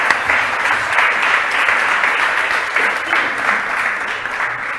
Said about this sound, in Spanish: Un aplauso, por favor, para el vicepresidente.